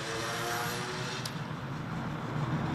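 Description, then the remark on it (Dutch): Steady city traffic rumble in Tienen fills the background, a continuous wash of passing vehicles with a low engine drone, unbroken for the whole stretch, with no voices. “Het verkeer, het stadsleven van tienen gaat hier, zoals dat op vele plaatsen het geval is, gewoon voorbij.”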